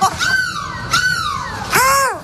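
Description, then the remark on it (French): A person on a bus in Lille imitates a seagull, giving three loud, drawn-out squawking cries with falling pitch, each following the last in close succession, with no other talking. “Mais c'est quoi cette mouette”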